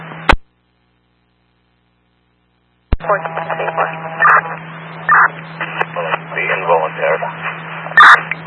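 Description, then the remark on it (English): A sharp radio click, a pause, then another click opens onto crowded, tinny police two-way radio traffic, with units' voices garbled and stepping on each other over a steady electrical hum. “Units are walking on each other.”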